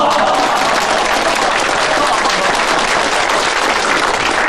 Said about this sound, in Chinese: 鼓掌鼓掌。